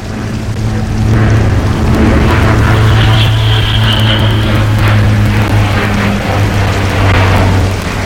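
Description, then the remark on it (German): An original Bücker B131 biplane called Lotte, fitted with a new engine in place of the original 105 PS Hirth A2, flies low over a village toward the Schanzerkopf. Its piston engine makes a loud, steady drone with a throbbing low hum and a brief higher whine midway. No one speaks. “Ein Original Bücker B131, wenn ich mich nicht irre.”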